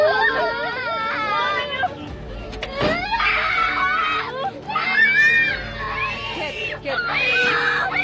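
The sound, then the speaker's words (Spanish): Children crying and wailing loudly and continuously inside a school transport vehicle that a motorcyclist forced to stop, high, wavering sobs rising and falling over a steady low rumble, with a muffled thump midway. “Era tanta su ira que hasta se bajó de la moto y obligó al conductor a detenerse sin importarle el llanto de los niños.”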